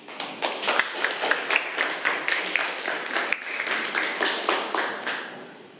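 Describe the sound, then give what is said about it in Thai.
A crowd claps steadily for several seconds for a reader after a read-aloud, a dense patter of many hands with a few sharper individual claps standing out, easing off slightly at the end. No one speaks. “ขอเสียงปรบมือให้กับ”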